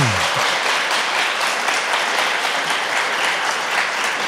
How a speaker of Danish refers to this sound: Jeg vil sige, I klapper faktisk endnu bedre end dem i Aalborg. Det siger alligevel noget. De var nemlig gode til at klappe.